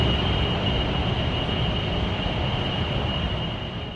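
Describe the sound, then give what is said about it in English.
A loud, unbroken cooling hum from a data center next to homes in Sterling, heard at any time of day, thick with low rumble and hissing white noise, a thin steady whine riding on top, easing slightly only at the very end. “Imagine hearing loud hums or white noise like this right here.”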